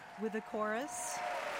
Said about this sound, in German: Und auf der Bühne der Metropolitan Opera nimmt gerade der Chor den Beifall entgegen.